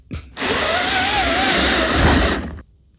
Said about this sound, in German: Das ist doch keine Bohrmaschine, auch kein Akkuschrauber. Das ist eines von meinen 5 neuen Plissé-Rollos, die ich an die Fensterscheibe gemacht habe. Und ich ziehe es nach oben. Weißt du, meiner klingt zu Hause ganz anders.